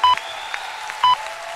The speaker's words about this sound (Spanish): ¡Fuerte aplauso!